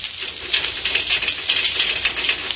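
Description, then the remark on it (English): A boy hesitantly knocks on palace gates: a series of sharp, crisp knocks, about eight in all, tapped out in an uneven rhythm over a steady hiss, sounding bright and clicky rather than deep and booming. “And hesitantly, he knocked upon them.”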